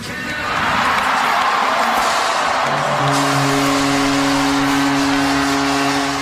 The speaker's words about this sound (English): Although the draft was in Buffalo, fans in Toronto watching on the big screen at the Scotiabank Arena went wild after the announcement that their team was choosing Gavin McKenna, born in Whitehorse.